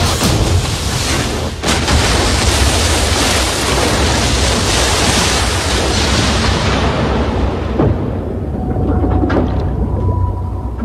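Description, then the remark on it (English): A Liberator bomber slams head-on into an ocean wave at 110 miles an hour: a loud, sustained roar of rushing water and impact with a sharp crack early on, then the hissing highs thin out into a lower churning rumble. “Plane slammed head-on into the wave.”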